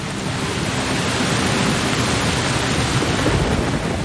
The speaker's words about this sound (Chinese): 云不断在空中聚集。稀疏的雨滴很快变成了滂沱大雨，